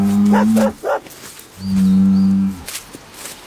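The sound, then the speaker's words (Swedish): A bull moos in two long, deep, droning calls, the first broken by short grunting bursts and the second a steady low bellow of about a second. “Bakom muren står en tjur.”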